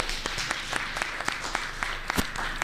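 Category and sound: crowd, audience applause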